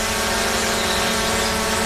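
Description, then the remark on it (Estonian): A drone hovers, its propellers giving off a steady, loud, high-pitched buzz that holds constant without breaks for the whole moment, with no voices present. “Õpeta oma droonile viisakust ja tunne kehtivaid reegleid.”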